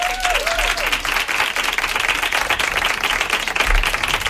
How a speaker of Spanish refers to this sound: Pues hasta aquí, una persona tontísima, la verdad, la quiero igual, así que un aplauso allá donde esté a Laura Márquez.